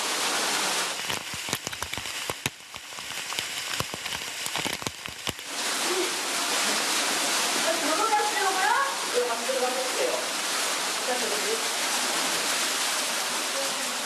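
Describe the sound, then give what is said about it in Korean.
A waterfall roars steadily inside a cave where it is about 13 degrees, with people cooling off in the water, a dense, hissing rush of water that holds even throughout, with scattered clicks early on and faint voices murmuring beneath the torrent. “뼈뼈태 열기를 날리는 데엔 동굴 폭포만한 곳이 없답니다.”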